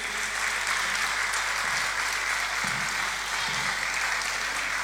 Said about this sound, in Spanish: Fuerte el aplauso, no nos escuchamos el aplauso.